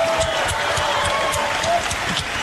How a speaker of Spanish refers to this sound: Fuertes aplausos para él.